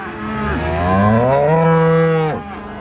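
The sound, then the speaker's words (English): A single long, loud cow moo, rising and sustained for about two seconds before dropping off abruptly, with faint background ambience and no talking, from cattle at the East Mainland Show, an agricultural show where cattle prizes are being handed out. “Well, that's the cattle prizes handed out here at the East Mainland Show”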